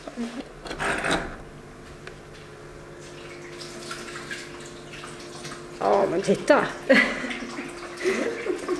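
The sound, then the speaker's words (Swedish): A steady stream of water splashes and trickles continuously down a small waterfall in a new toad terrarium, pouring down one side along a wall clad with stones, with brief talk and some handling noises in the foreground. “Vattnet pålar ner för ena sidan av det nya terrariet längs en vägg klädd med stenar.”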